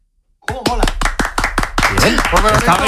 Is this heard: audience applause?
yes